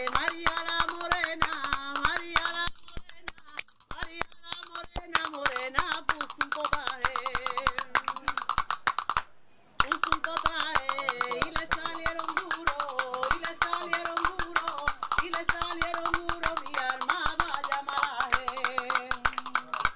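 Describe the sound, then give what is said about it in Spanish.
Castanets rattle in quick, continuous bursts of sharp clicks, with a voice singing a melody over them, played in a beachside apartment at Cruz del Mar with the sea in the background. The playing stops for a moment about halfway through, then resumes. “Vamos a escuchar esos palillos con el mar de fondo, aquí en este apartamento maravilloso de la Cruz del Mar.”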